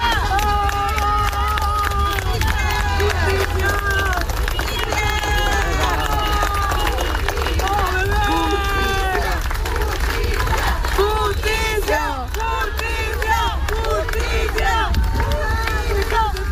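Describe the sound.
A large outdoor crowd of mourners accompanying a funeral procession for a boy, dense and continuous, with many overlapping voices shouting and calling out for justice over steady clapping and a constant low rumble of movement.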